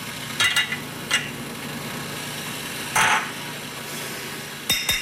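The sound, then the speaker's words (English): Ground espresso coffee going into the portafilter of a manual espresso machine that uses no electricity: a handful of sharp metallic taps and clinks, spaced irregularly, over a steady low background hum. No one speaks. “And you can see that we have the delicious espresso coffee. We're going to fill our portafilter.”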